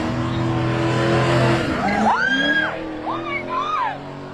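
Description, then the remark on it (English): A Corvette's engine roars steadily, then its tires squeal loudly in repeated rising and falling wails as it spins donuts on Kenmount Road at night. “Video circulating on social media shows a Corvette doing donuts in the middle of”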